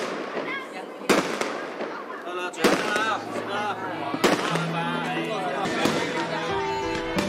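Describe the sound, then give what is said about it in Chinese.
Firecrackers go off intermittently during New Year festivities while a large family shares a home-cooked feast, sharp cracking bursts spaced a second or two apart, while voices chatter underneath throughout. “间断的鞭炮声，看着在身边的一大家子享用自己烹制的家宴”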